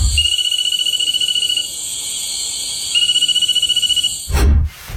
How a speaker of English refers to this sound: I'm not copping out of this one, but I think it's a Cophixilus frog, so a nursery frog, but I can't tell you the exact species.